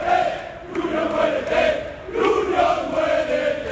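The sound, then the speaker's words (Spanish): A crowd of Sevilla football fans, who marched from the Sánchez Pizjuán, shouts in protest against the club's president José María del Nido Carrasco and board, voices rising and falling in rhythmic chanting waves with a steady, loud roar throughout and no single speaker standing out. “Bueno, pues son los gritos, en este caso contra el presidente de la entidad sevillista, José María del Nido Carrasco, que junto evidentemente a otros miembros del Consejo de Administración están siendo pues el foco de las iras en esta manifestación”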